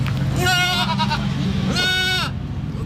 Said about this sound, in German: Wir sind nämlich im Ziegengehege im Zoo hier in der Wingst.